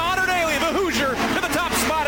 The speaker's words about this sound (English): Cotter Daly takes a peek to the inside of Scott Dixon at the start finish line. And you can hear the crowd. They jump to their feet and they start pumping those fists.